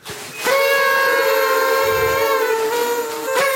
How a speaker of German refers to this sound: Okay, ganz kurz mal, wo kommen diese Tröten jetzt hierher? Das sind Partytröten.